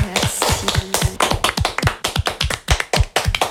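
Loud applause from an audience: a dense, irregular stream of sharp claps overlapping for several seconds, with no voices over it.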